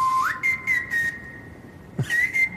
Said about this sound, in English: 다음은 이제 드럼이 같이 들어오는데요. Snare drum, hi-hat. And then someone's whistling on the top, yeah. Right? Why did you think of that for the song?